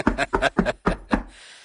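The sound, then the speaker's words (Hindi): Five firm knocks on a door at an untimely hour in a steady rhythm, each thud fairly loud, followed by a brief quiet tail. “दरवाजा खोलिए, जान जाएंगे जनाब।”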